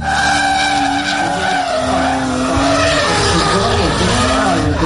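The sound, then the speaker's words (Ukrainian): A BMW race car engine roars loudly and continuously while its tires skid and squeal, with the engine pitch rising and falling and no pause in the noise. “Сьогодні у нас дві машини, два авто, забрендованих в стилі 78-ї окремої штурмової бригади. Ми їх запускаємо перше, це автомобілі марки BMW, і побачимо, як вони себе сьогодні продемонструють”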